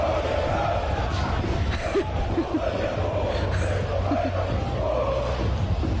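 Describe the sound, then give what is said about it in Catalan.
Ultras at a basketball game shout chants together, a dense, loud wall of massed voices with drawn-out wailing tones rising above the steady roar, continuous for the whole stretch. “A veure, juntem proves dels crits dels ultres.”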